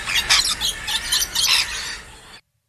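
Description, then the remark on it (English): Shrill, rapid screeching calls of a rainbow lorikeet burst out in a dense, chattering run for about two seconds, loud, with no talking, then cut off abruptly. “Is that a lorikeet? I think it's a lorikeet. Yeah. A rainbow lorikeet.”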